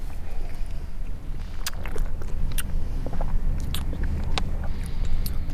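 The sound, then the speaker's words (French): Wet mouth sounds, scattered smacks and small clicks as Sauvignon wine is swirled and rolled over the tongue while tasting, over a steady low background rumble. “Ben, vous le faites rouler un petit peu sur la langue.”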